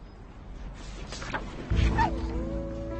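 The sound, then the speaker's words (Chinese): A small yellow puppy up for adoption gives a brief high whine that slides downward, followed by a faint, drawn-out whimper against a noisy background, with no one speaking. “姐姐，我想领养这只黄色的小狗。”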